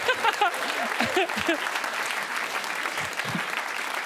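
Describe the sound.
An audience applauds steadily for about four seconds, a dense, even wash of clapping, with a voice briefly audible underneath at the start.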